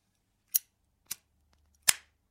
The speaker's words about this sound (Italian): Un altro zippo satinato.